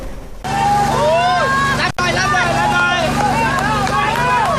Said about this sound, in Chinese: 最新获救的4名村民昨天在救援人员的协助下逐一离开洞穴，重见天日，现场传出欢呼声。